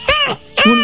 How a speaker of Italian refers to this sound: Un'invasione di gatti.